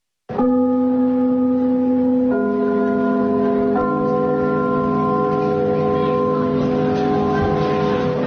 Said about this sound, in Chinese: 听我们开幕的那个钟声， 嗯， 听着这都一种感情。 什么？ 所以我们在如果在别的剧场去演出啊，我们一定把这个钟声录下来。